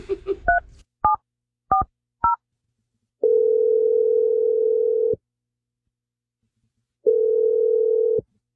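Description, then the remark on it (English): A few quick touch-tone dialing beeps, then two long, steady ringback tones separated by a pause, heard clearly through a phone line with no one talking, as the radio show Brooke and Jeffrey in the Morning places an outgoing call to a man. “I'm just going to call him and we'll see if he first answers the phone and then see if he has anything to say.”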